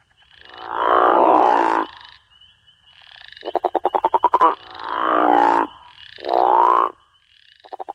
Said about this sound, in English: The call of the crawfish frog is a deep, resonating, guttural snore that males use to attract females during the breeding season.